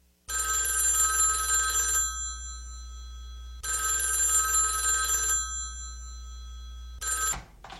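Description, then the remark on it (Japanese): A telephone rings loudly, two long bright ringing bursts separated by a pause, then a third ring that cuts off abruptly, over a steady low hum. “もう落ちるところまで落ちたと思えたとき、電話が鳴りました。”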